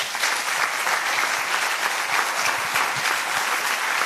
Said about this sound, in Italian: Ora siamo davvero alla fine e vi chiedo un applauso grandissimo per la mente e per il direttore artistico di questo festival